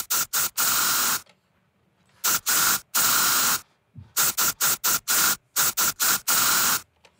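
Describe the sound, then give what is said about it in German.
Loud hissing bursts from a deodorant spray can, sprayed in a rhythmic pattern of short and longer blasts with brief silent gaps, tapping out a song as a guessing puzzle. No voices. “Der Sprühdosen-Song. Das Sprühdosenlied. Ich glaube, ich habe euren Deo-Song erkannt.”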